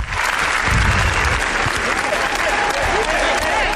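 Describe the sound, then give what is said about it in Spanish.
A large festival audience at Cannes applauds Los Javis after the presentation of their film La Bola Negra, a dense, continuous wash of clapping at a constant loud level, with a faint murmur of crowd voices mixed in. “Ayer fue el turno de los Javis, que presentaron La Bola Negra, por la cual recibieron 20 minutos de aplausos.”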